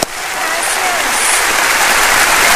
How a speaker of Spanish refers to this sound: a quien yo pido que le den un aplauso de bienvenida.